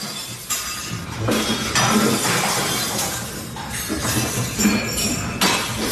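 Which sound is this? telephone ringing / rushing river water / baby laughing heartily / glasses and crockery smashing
glasses and crockery smashing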